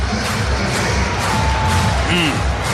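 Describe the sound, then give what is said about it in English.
A packed Brewers crowd at American Family Field roars at a foul liner up the third baseline in the seventh inning, a loud, unbroken wash of noise that holds steady for a few seconds, with a faint whistle cutting through near the end. “And this place is going bonkers at American Family Field.”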